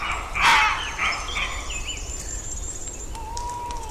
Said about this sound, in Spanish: vamos a escuchar los ladridos de los lobos, de los zorros, ahí, en combinación con los ladridos de los corzos.